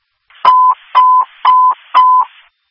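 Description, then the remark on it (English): A Leslie Fire dispatch alert tone for a fire alarm call at Divine Nest assisted living, 4887 Hole Road: four loud, evenly spaced beeps at a steady mid pitch, each lasting about a quarter second with a sharp click at the start, and no voices. “Leslie Fire, fire alarm, Divine Nest, assisted living, 4887 Hole Road, 4887 Hole Road, cross the Bellevue and Main, standby for your second tone.”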